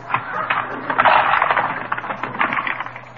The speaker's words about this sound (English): Now, look, here's the cash register. Let's see, you push the little valve down.